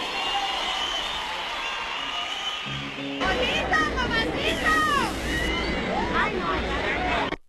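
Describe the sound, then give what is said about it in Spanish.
A steady crowd murmur gives way to a sudden burst of loud audience applause for the singer's band members at a live show, mixed with shrill whistles and cheering that rise and fall until the end. “Ahora un fuerte aplauso para los muchachos de mi agrupación,”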